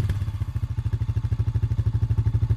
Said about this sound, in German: Das klingt wie Papas Motorrad.